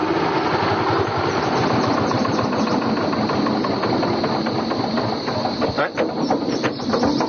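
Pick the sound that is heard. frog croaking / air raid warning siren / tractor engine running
tractor engine running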